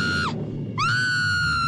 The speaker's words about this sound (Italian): Oddio che, perché quel grido, cara? Ti ha fatto impressione?